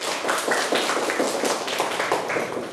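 A crowd claps steadily for a few seconds, a dense patter of many overlapping hand claps at an even, fairly loud level, with no voices heard over it.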